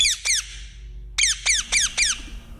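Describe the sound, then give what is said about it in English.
Shrill, harsh parakeet squawks from birds spread across Britain: two quick calls, a short pause, then four more in a steady rhythm. Each screech is loud, high-pitched and sharply descending, with no talking. “And hunting groups want people to be allowed to shoot parakeets to stop the noisy birds, relentless, they say, spread across Britain.”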